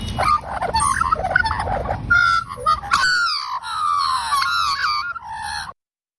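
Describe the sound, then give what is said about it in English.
Harsh, raspy crow caws ring out loud, a rapid string of rough calls giving way to longer, drawn-out descending caws before stopping abruptly. “The crow, while I dearly love the crows at all levels, their sound...”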